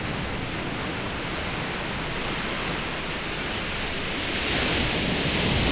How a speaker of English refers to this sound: Oh, the waves got me there.